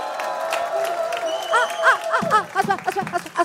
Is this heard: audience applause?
yes